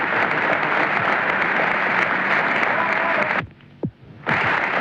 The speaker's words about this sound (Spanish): Prolongados aplausos de emoción, de alegría y también de despedida a quien nos mantuvo la moral en